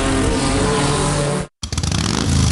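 A loud motorcycle engine roars and revs, cuts out abruptly for a split second, then returns with choppy, pulsing throttle bursts building back to full roar.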